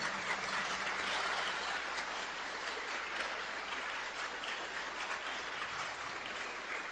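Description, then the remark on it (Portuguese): An audience claps in sustained applause for children being baptized, a dense, steady wash of many hands that stays loud and even throughout, with no speech over it. “Então nós vamos nos comprometer agora com esta alegria, dando uma salva de palmas para essas crianças.”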